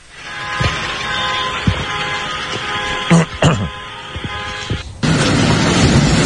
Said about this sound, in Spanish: Ahí se escuchan las sirenas.